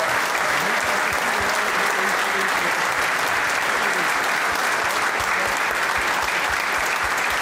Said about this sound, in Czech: Já moc moc děkuju za aplaus, ale pro mě to bylo strašně jednoduchý.